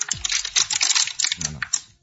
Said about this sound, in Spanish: Escacha la botella